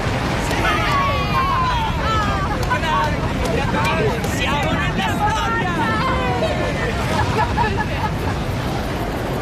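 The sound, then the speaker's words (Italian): A large crowd of spectators in the stands cheers and shouts excitedly over the deep, continuous engine roar of a Titan 3 rocket lifting off with the first Voyager spacecraft, the voices and rumble blending into one loud, sustained wall of sound; one person calls out. “Quando il razzo vettore Titan 3 si staccò da terra, i festeggiamenti sugli spalti arrivarono quasi a coprire il boato dei motori.”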